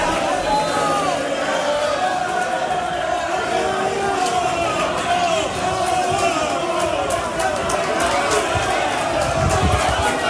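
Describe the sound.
A dense crowd of Málaga fans cheers and chants "Sí se puede" as the Málaga team arrives at its hotel in Las Palmas, Gran Canaria, many voices overlapping in a loud, continuous roar with occasional sharper shouts and bursts rising above the din.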